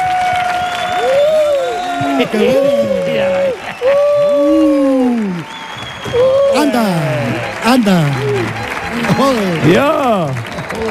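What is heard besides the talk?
audience applause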